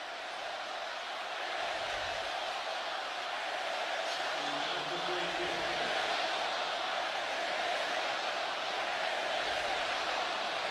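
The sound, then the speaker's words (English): A steady, dense roar of a football stadium crowd during a game against Chicago fills the whole stretch, with a faint, indistinct chant, something negative towards Chicago, briefly rising out of the wash of noise midway through. “Got the crowd chanting something.”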